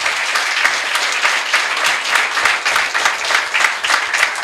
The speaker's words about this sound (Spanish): Fuerte el aplauso.